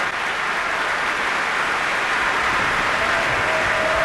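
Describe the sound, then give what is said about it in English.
Sustained applause from a large concert audience for the Cleveland Orchestra after its performance of the Verdi Requiem, performers on their feet with Maestro Welser-Möst, a steady dense roar of clapping hands at even loudness throughout, heard without any voices. “And while the applause for the Cleveland Orchestra continued for several more minutes with great appreciation for their performance of the Verdi Requiem, we are bringing the first half of this program to a close.”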